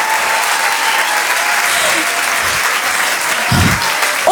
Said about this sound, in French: Je vous demande de l'encourager et de l'applaudir très très fort.